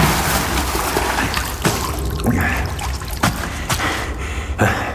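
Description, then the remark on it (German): Continuous water sloshing and trickling in a basin, broken by several sharp splashes as a person's upper body pushes up out of the water, with no voices. “Kit Elsvers Oberkörper schob sich aus dem Wasser.”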